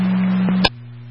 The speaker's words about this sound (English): One acknowledging tone for an EMT, 0900.